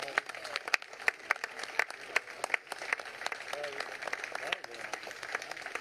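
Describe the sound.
A crowd at a quayside event applauds steadily for several seconds to greet the crew, dense overlapping claps filling the space, with faint voices and cheers mixed in underneath.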